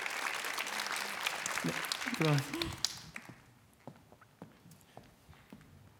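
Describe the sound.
An audience applauds with dense, loud clapping for about three seconds while a voice speaks briefly over it, then the applause thins into scattered single claps that fade away.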